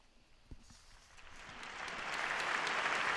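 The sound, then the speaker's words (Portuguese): Young people at a vigil in the Saint-Denis stadium applaud after hearing the words of Pope Leo XIV. The applause swells up from a faint start, growing into a broad, sustained wash of clapping, with no voices speaking over it. “O aplauso dos jovens, após escutarem as palavras de Leão XIV, nesta vigília, no estádio de Saint-Denis.”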